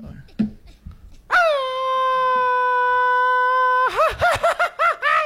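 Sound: traditional Mexican grito yell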